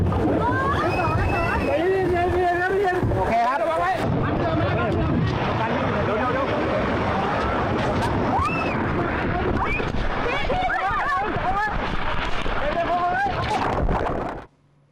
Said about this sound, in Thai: นี่เป็นเหตุการณ์ที่ตำรวจแล้วก็ทีมกู้ภัยนะครับนำเรือเข้าไปช่วยเหลือชาวบ้านที่ประสบภัยน้ำท่วมในอำเภอสนามชัยเขตแต่ระหว่างทางเจอกระแสน้ำเชี่ยวครับซัดเรือพุ่งไปชนต้นไม้จนเรือเอียงแล้วก็พลิกคว่ำครับ